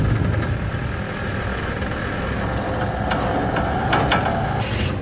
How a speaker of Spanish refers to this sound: Colocan un tractor de 7 toneladas y un motor de 190 caballos. Va a ser toda una prueba con un duro rival para el barril.